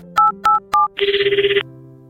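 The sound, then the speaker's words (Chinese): Three quick electronic beeps, like a number being dialed, are followed by one short, buzzing, trilling telephone ring, loud, as a son phones his mother at home; no one speaks. “你怎么有空打电话回来？”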